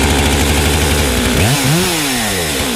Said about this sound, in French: Et là, je peux après, avec la grosse tronçonneuse, je vais taper dedans.